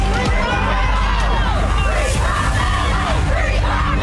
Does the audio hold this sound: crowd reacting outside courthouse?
yes